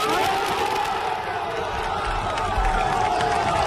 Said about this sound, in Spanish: El aplauso de la afición.